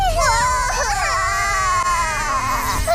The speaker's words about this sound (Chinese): 欢乐熊，到底怎么回事啊？谁在哭啊？